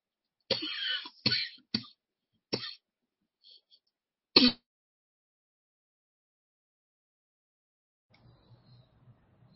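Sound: coughing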